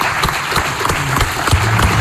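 At a Radio Marca tribute, a crowd claps steadily and densely for two seconds, a loud, sustained burst of applause filling the space with a few faint low murmurs underneath.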